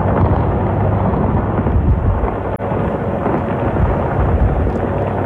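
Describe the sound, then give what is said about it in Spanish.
Bombs exploding in the Strait of Hormuz in a sustained, loud, deep rumbling roar that barely lets up for five seconds, heavy booming blending together rather than sounding as separate blasts, with no voices. “Este es el sonido en el estrecho de Hormuz, el lugar por el que cruza una cuarta parte del petróleo mundial y en el que vuelven a sonar las bombas.”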